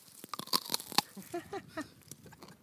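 A crisp bite into a raw vegetable from a community-supported farm, still with soil on it, followed by several sharp crunches as it is chewed, loud and irregular at first, then softer.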